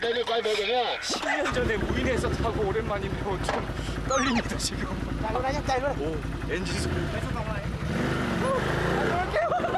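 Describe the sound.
A quad bike (ATV) engine roars at high speed over coastal sand dunes on Vietnam's east coast, loud throughout, with excited shouts and voices rising over the steady mechanical drone.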